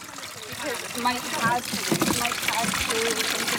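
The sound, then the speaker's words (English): Water splashes and gurgles as staff and volunteers pour it steadily into water backpack sprayers needed on burning ground at a national park fire, as the wind picks up; a continuous trickling wash with people talking over it. “We have staff members and volunteers here loading up water backpack sprayers that are needed out on the burning ground right now.”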